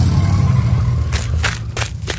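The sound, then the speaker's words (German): Footsteps crunch over a sandy path, about four gritty, evenly spaced steps in the second half, over a steady low rumble that runs throughout. “Hier läuft jemand über einen sandigen Weg.”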